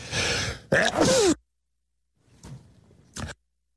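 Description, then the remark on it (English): A loud, breathy sneeze bursts out with a voiced, pitch-sliding end, followed after a pause by two much fainter short noisy bursts. “I'm sneezing here.”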